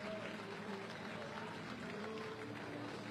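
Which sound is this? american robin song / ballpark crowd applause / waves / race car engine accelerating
ballpark crowd applause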